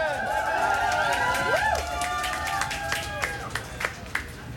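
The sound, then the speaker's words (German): An audience applauds with scattered, sharp claps that grow more distinct toward the end, mixed with sliding whistles and whoops at a steady, moderate level. “Einen fragwürdigen Applaus”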